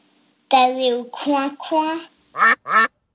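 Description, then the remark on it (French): A voice imitates duck quacks in a short series of nasal, honking calls: three drawn-out ones followed by two quick, sharp ones, fairly loud. “Quel est le comble pour un canard qui va à l'école ?”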